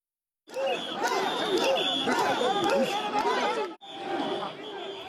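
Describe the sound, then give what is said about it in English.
A dense festival crowd at the Sanja Matsuri procession in Tokyo, gathered to see portable mikoshi shrines carried out from Asakusa Shrine, many voices chattering and calling out at once in a steady loud hubbub, briefly cutting off before the babble resumes. “Crowds gather to see portable shrines known as mikoshi as part of Sanja Matsuri.”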